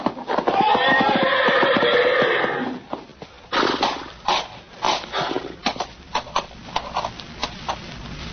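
A horse in a stall whinnies loudly and shrilly for about three seconds, then heavy hooves thud and stamp in an irregular series of dull impacts as the horse tramples a man.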